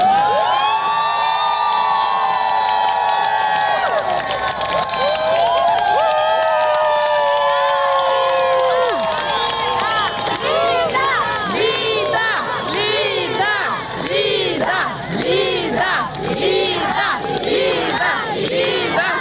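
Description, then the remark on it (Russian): A large crowd of supporters shouts and chants together outside a courthouse as the head of the Dom s Mayakom charity foundation leaves the court building after a pretrial hearing, starting with long drawn-out cries and breaking into rapid, overlapping rhythmic yells that continue without pause. “Внутри поддержку, как везде кричали. Да, в автозаке слышала, и в суде тоже, в зале суда слышно.”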